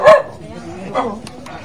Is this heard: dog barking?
yes